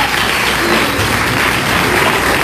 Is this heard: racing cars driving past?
no